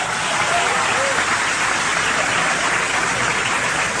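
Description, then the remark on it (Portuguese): An audience applauds Jesus for the word, a dense, steady wash of many hands clapping that holds at an even, fairly loud level for about four seconds with no voices over it. “Aplauda Jesus pela palavra.”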